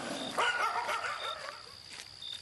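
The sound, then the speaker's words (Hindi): Dogs bark at would-be thieves in a short cluster of yappy, overlapping barks that fade after about a second, fairly quiet, with a faint steady high tone running underneath. “ये तो कुत्तों की रिश्वत है, मुंह बंद करने के लिए कुत्ता सारे भौंव करते रहते हैं।”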